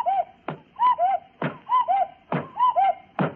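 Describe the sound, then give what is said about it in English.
A cuckoo clock on top of a radio, turned back to four o'clock, strikes four, each two-note cuckoo call followed by a hollow wooden clunk of the mechanism, repeating in a steady rhythm with no one talking. “On top of radio, light behind head, is cuckoo clock. Longpan, turn clock back. To 4 o'clock, you watch.”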